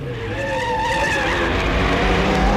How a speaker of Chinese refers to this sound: 黑木子驾着摩托车过来，惠子不免有些失望。